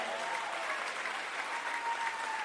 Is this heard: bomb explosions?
no